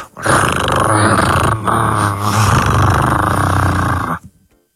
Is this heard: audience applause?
no